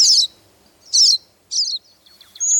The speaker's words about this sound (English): This cedar waxwing is another bird that may show up unexpectedly at your feeder. If it does, it often brings a crowd with it.